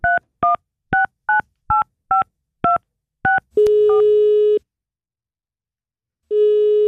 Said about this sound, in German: Da nehmen wir auch mal das Telefon in die Hand und läuten irgendwelche Indie-Pop-Bands an für euch.